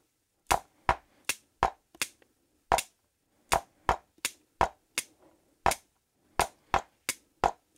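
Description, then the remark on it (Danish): Sharp, dry clicking taps of ballpoint pens on a surface, roughly seventeen hits, played in an uneven syncopated rhythm with clusters and short pauses that push some beats off the steady pulse. No one speaks. “For eksempel sådan. Der var en lille synkope.”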